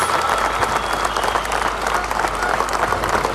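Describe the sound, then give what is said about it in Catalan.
Dense, sustained applause from thousands of people as coal miners enter Madrid on the night of 10 July, hands clapping in a continuous loud roar with no individual claps standing out, steady throughout. “La nit del 10 de juliol, els miners entraven a Madrid entre aplaudiments de milers de persones.”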